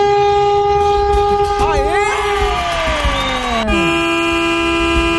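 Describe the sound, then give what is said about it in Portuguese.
A loud vehicle horn blares continuously, its tone bending and wavering in pitch midway so it almost seems to talk, then settling back into a steady blast. A listener in Avandava, in the interior of São Paulo state, Brazil, sounds it live for a Band radio honking segment. “Essa buzina fala.”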